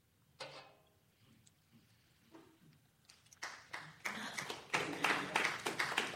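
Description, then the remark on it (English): A small audience breaks into applause, starting with a few scattered claps that quickly build into louder, denser clapping that keeps going to the end. “You don't have to clap, but thank you.”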